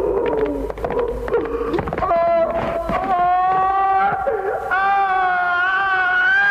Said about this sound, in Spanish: Pascual es conducido a su ejecución entre gritos, sollozos y empujones